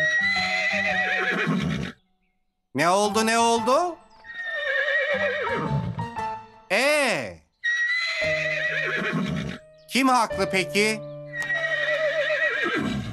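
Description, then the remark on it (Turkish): A horse neighs loudly several times in shrill, wavering whinnies, alternating with bursts of people talking; one whinny rises and falls sharply on its own between the voices. “Ne oluyor bu hayvana yahu? Anlatsana beygir.”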